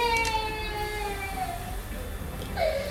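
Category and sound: human body sound, baby crying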